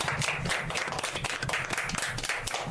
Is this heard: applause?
yes